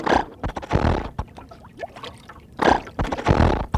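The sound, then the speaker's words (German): A boat's engine tries to start and sputters unevenly, sounding odd: two rough, noisy bursts of cranking with scattered clicks and rattles between them, without anyone talking. “Nun lass doch endlich den Motor an, damit wir weiterfahren können.”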